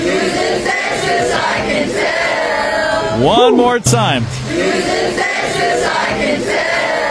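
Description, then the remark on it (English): A large crowd sings along together at a loud live event at Jamie's Route 66, voices blending into a dense, continuous roar, with one voice briefly calling out over them near the middle. “We even did a sing-along last night.”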